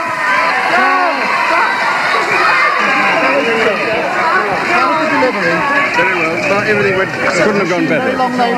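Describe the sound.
A large crowd waiting outside a hospital in 1984 cheers and shouts excitedly as Prince Charles emerges after the birth of his new son, a dense, steady wall of many overlapping voices with high calls rising above the babble, loud throughout the whole stretch.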